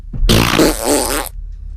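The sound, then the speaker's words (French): A single loud, drawn-out fart lasting about a second, raspy and buzzing with a wavering low pitch, heard on its own with no talking. “J'aime quand je pète.”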